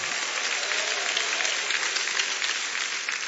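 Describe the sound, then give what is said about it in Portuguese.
Steady crowd applause at a worship service, the audience clapping to give glory to God: a dense wash of many hands clapping at once with no gaps, fairly loud and even throughout. “Toma posse lá, receba, bate palmas, dá glória a Deus.”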